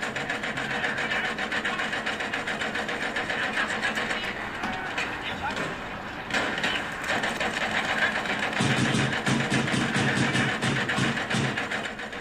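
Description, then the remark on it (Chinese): Loud, steady renovation construction noise, seemingly coming from an office: a harsh mechanical whirring and rattling that runs without pause, briefly dipping, then returning with a heavier, rumbling grind toward the end. “哪装修啊？ 好像是你办公室传出来的。”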